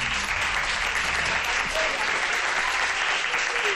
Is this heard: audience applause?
yes